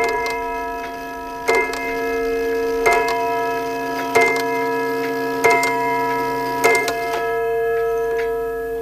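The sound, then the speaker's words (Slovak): A clock strikes six o'clock with slow, evenly spaced chimes, each struck note ringing on into the next. The sound is clear, with no one talking. “Každé popoludnie až do úderu 6. hodiny musím mať tvár obrátenú do záhrady.”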